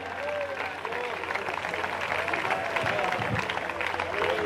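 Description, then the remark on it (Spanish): A church audience applauds for the Lord steadily, a dense, even wash of clapping that holds at a constant loudness throughout, with faint voices and tonal cheers mixed into the crowd noise. “La iglesia del Señor dice: denle un fuerte aplauso al Señor, iglesia.”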